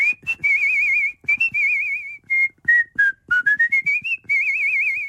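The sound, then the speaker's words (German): A person whistles a small bird's song, with short chirps, warbling trills and a quick run of rising notes, loud and clear with no talking, as done for the little bird role in the musical Oliver Twist. “Meine Lieblingsrolle war allerdings der kleine Vogel. Den habe ich zwar nur als Handpuppe gehalten, aber im Hintergrund gepfiffen.”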